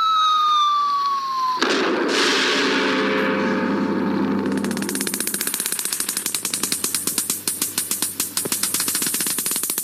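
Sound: nuclear test explosion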